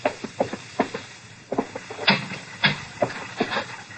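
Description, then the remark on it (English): More than 100 clocks tick at once in one room, their sharp clicks overlapping into a dense, uneven clatter with no single steady beat. The ticking is moderately loud and continues throughout, with no voices. “There are more than 100 clocks in this room. Don't they get on your nerves? Ticking away together like a nightmare?”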